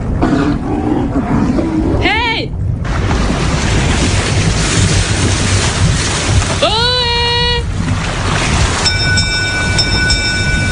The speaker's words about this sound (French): Dans le lointain, Lauriane Miara, puisque c'est elle, entend un bateau arriver.